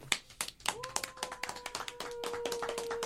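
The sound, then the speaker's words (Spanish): A small group claps their hands in brief, uneven applause, with sharp claps overlapping irregularly while a steady high tone hums faintly underneath. “Bueno, aplauso.”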